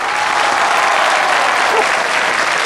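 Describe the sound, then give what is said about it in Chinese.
A large audience applauds steadily, a dense, even wash of many hands clapping at once, sustained at full strength without breaks or voices rising above it. “明明今天我相亲，半路杀出个程咬金，大家给我鼓鼓掌，我和老程保命拼。”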